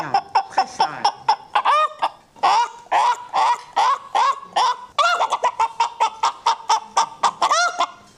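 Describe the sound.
A voice imitates a small village hen cackling after laying an egg: a fast, loud string of clucks that rise into sharper squawking bursts and keep going steadily for several seconds.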